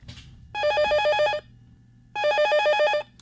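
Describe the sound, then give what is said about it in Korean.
A telephone rings twice with a trilling electronic bell tone, each burst lasting about a second, separated by a pause. Clear, with no talking. “아, 여보세요? 네, 아, 그냥 평범한 초대를 하려고 전화했어요.”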